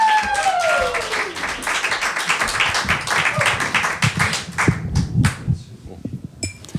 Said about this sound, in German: Ein Applaus bitte.